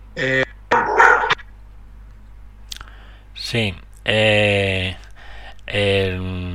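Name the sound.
dog barking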